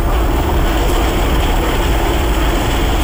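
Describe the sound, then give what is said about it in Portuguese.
A loud, steady helicopter rotor roars, its deep engine drone and low chopping thump continuous throughout with no voices. Military Police helicopters rescuing five people, children and adults, from a burning residential building. “Helicópteros da Polícia Militar resgataram 5 pessoas, entre crianças e adultos.”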